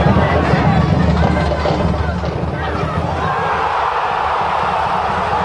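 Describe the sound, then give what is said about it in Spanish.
A dense, steady roar of a large football crowd cheering a goal by Tucu Peralta, loud and continuous for several seconds, with many voices blending into one wash of noise and no single speaker standing out. “Bueno, vamos a compartir el gol del Tucu Peralta, hombre que se le ha abierto el arco, ¿no?”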